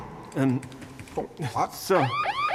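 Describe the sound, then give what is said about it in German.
A burglar alarm goes off with loud electronic tones that sweep up and down in quick repeating whoops, growing more insistent toward the end. “Schalte die Alarmanlage wieder an.”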